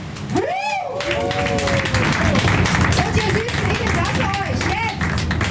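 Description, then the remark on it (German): An audience on a comedy harbour-tour boat in Hamburg applauds steadily for several seconds, a dense wash of clapping with some cheering voices and whoops rising above it, filling the space evenly. “ja, machen wir nochmal einen großen Applaus.”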